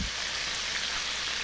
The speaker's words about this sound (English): The sizzle of a deep fryer.